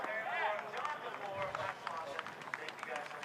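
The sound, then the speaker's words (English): A crowd of fans cheers steadily on a ski hill, a dense wash of overlapping shouts and voices with scattered higher whoops, staying fairly even in loudness throughout. “We're hearing the cheers of the fans at the moment up on the hill, which is a great sign.”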